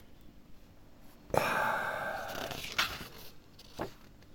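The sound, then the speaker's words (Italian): A crisp rustle of a paper page being turned by a person reading aloud, a sustained papery swish lasting a couple of seconds, ending in two small flaps. “Scusate, devo girare pagina.”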